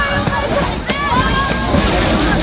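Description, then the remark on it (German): Water splashes and sloshes steadily, with a sharper splash near the middle as a man jumps into the water at the Dreckschweinfest in Alsdorf, where people jump in and splash each other; a voice murmurs faintly underneath. “Er springt jetzt Wasser.”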